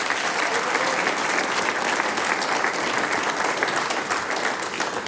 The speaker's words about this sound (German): Und die Burgenland Blechküwee, die sechs Herren, kriegen natürlich auch noch einen großen Applaus.